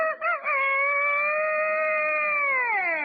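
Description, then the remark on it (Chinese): A man's voice, asked to imitate a dragon's cry, imitates a chicken instead: a couple of quick clucks, then one long, loud, sustained crowing call held for a few seconds before it trails off, clear. “你学的这是龙啊？ 这是鸡。”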